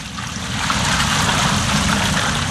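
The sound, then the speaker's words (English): Water pours out of four large jars onto an offering and wood in a steady, heavy splashing rush that holds for a couple of seconds, fairly loud, with no voices. “Then he said to them, Fill 4 large jars with water and pour it on the offering and on the wood.”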